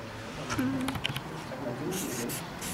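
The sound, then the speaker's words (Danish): A child writes with a marker on a board, squeaking and scratching in a few short strokes, with thin squealing tones and brief rubbing bursts against a quiet background. “mens Silke er i gang med at skrive”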